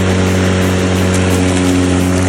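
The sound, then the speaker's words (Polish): A lawn mower engine drones steadily, its loud, even hum and buzzing harmonics holding constant as it cuts grass, with no voices. “Przestań, to jest dźwięk koszonej trawy, no bez przesady.”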